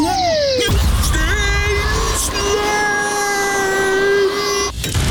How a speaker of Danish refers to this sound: Stenslag. Ingen slår dansk bilglas. Og skal ruden skiftes, klarer vi også det.